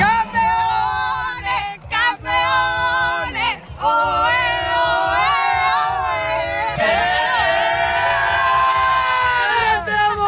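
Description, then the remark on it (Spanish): A large crowd of nearly 8,000 people at the Plaza de la Música in Las Palmas de Gran Canaria cheers and shouts continuously while watching the Football World Cup final, loud, with sustained voices swelling into a bigger roar near the end and brief dips between bursts. “Y en Las Palmas de Gran Canaria, en balance, casi 8.000 personas se acercaron a la Plaza de la Música anoche para seguir la final de la Copa del Mundo de Fútbol.”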